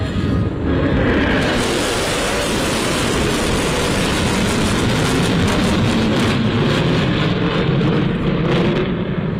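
A loud, continuous jet roar of US B-1 Lancer strategic bombers passing overhead, broad and rumbling, swelling after the first second and holding steady, with no voices.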